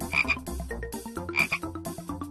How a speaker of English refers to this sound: Frog.